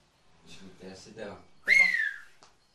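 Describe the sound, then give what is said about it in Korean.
A short burst of speech is followed by a single loud, piercing whistle in the Turkish whistled language that sweeps downward in pitch and ends in a faint click. “휘파람 고수도 많겠다.”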